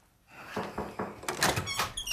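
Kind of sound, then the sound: household object, door being opened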